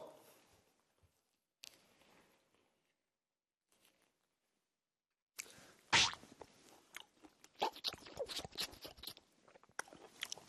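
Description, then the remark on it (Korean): A grandfather chews a juicy tangerine segment: a sharp bite, then a flurry of wet, squishy munching sounds over several seconds, preceded by a few faint soft noises and no talking. “귤 한쪽만 먹을게요.”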